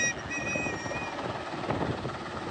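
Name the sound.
helicopter flying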